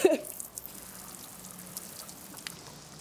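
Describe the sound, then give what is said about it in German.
Water pours steadily from a watering can being emptied over a person, a soft, continuous splashing hiss, starting with a brief louder burst and then running on evenly at low volume. “wenn ich diese Gießkanne über dir ausleeren darf.”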